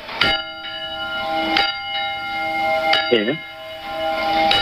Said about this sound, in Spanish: A raíz de los pueblos, a raíz de la gente que se ha ido quejando, pues el alcalde o quien han decidido pues que no tocasen para noche. A ver, las campanas, alcalde, suenan así.